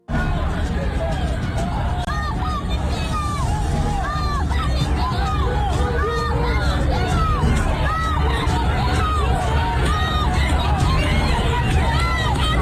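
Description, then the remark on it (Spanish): A large crowd of protesters fills the scene with loud, continuous shouting and overlapping voices, some crying "no nos asesinen", a dense roar of many people raising their voices together outdoors without pause. “Así se han escuchado algunas de esas manifestaciones.”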